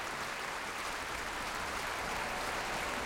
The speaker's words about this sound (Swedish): En stor del av publiken här i Berwaldhallen står upp nu faktiskt och applåderar. Ja, och det är fullsatt. Det är fullsatt både på scen och fullsatt på parkett och på balkonger.